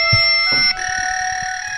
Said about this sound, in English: Yeah, it's weird. The fax machine is working.